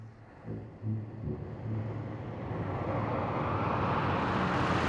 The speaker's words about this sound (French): Heureusement, après quelques minutes, une grosse voiture décapotable s'arrête à leur hauteur. « C'est une Cadillac !» dit Hector, tout excité.